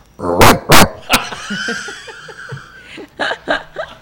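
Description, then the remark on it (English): A person imitates a grown dog's bark: two loud, gruff barks in quick succession, then a shorter third, followed by quieter chuckling and a few soft laughing bursts. “Let's say that there's a puppy newborn. How does he bark?”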